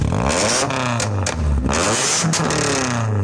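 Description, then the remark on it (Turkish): A car engine is revved at full throttle during a traffic inspection targeting vehicles with illegally loud exhausts; the car has a modified, remote-controlled exhaust. The pitch climbs and drops in sharp bursts with crackling roughness, continuous for a few seconds with no talking. “aracında abartı egzoz bulunduğu tespit edilen 135 sürücüye toplam 2 milyon 160 bin lira idari para cezası uygulandı”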